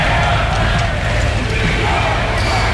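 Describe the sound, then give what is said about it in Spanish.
A large crowd at Spain's national day celebration (Día de la Hispanidad) boos and shouts insults at Sánchez, a dense, continuous roar of many overlapping voices that stays loud and steady throughout, with no single speaker standing out. “Abucheos e insultos, que se han convertido en un clásico del Día de la Hispanidad.”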